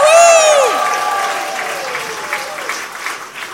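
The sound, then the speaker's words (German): A crowd, cued by a host counting to three, bursts into applause with a rising and falling cheer or whoop at the start, then sustained, dense clapping that gradually thins and softens over a few seconds. “Also so ein bisschen so mit Jubel.”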